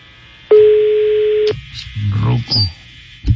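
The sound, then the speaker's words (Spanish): A telephone line sounds a single steady electronic tone lasting about a second, starting and ending with a click, followed by a muffled voice on the line, as an older man is phoned live on air. “Vamos a marcar a este ruco.”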